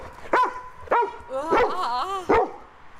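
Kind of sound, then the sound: animal, lively dog barking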